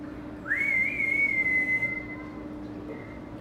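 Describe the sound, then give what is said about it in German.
A single long, clear human whistle by an animal keeper calling an animal rises quickly, then holds a steady high pitch for over a second before fading, loud over a low background rumble. “Man muss laut rufen und gut pfeifen können.”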